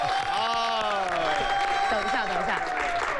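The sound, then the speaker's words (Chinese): An audience applauds steadily for a few seconds at a crosstalk (xiangsheng) comedy performance, a dense wash of clapping while a man's voice speaks over it, thanking the audience for the applause. “你这样，我先替他来一句啊，首先呢，感谢各位观众朋友们刚才的掌声鼓励，谢谢各位。”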